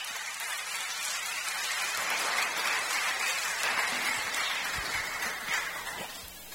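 A crowd claps steadily for several seconds, a dense, even wash of many hands that swells slightly in the middle and eases off toward the end, with no voices over it.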